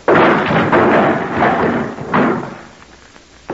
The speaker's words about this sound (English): I could break this door open.